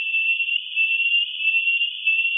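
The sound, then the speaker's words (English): A steady, high-pitched whistle tone holds unbroken for a couple of seconds, alone and fairly loud, with a slight wavering in level: a rat's stress alarm call, its pitch lowered into human hearing range by the BASIS recording system. “That whistle is the alarm call, stress. BASIS has lowered the pitch for human hearing.”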